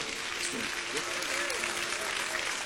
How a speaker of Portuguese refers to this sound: Vamos receber o aplauso para Cristo.